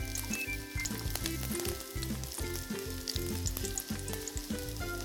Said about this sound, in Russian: А последний еще жарится. Да, последний еще немножечко надо подержать его. Мне кажется, хороший получается.